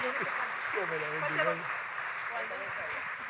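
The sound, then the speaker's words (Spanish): An audience claps in a steady, dense wash of applause welcoming the speaker's spiritual mother, an apostle, filling the whole moment, with voices calling out and talking over the clapping. “Así que yo les pido por favor que recibamos con un fuerte aplauso a mi mamá espiritual,”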